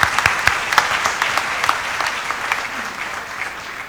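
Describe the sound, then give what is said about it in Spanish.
A church audience bursts into applause for a girl turning 9, many hands clapping together in a dense, steady, fairly loud wash that gradually thins toward the end, with no one speaking. “Por aquí vamos a ponerse un poco más alto sobre la banca para que te miren, para que podamos dar un aplauso.”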